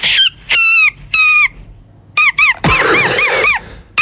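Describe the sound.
A small blade of grass held between the hands and blown like a whistle on a walk gives loud, shrill, reedy squeals: three held blasts, two quick chirps, then a long warbling wail and a final short squeak.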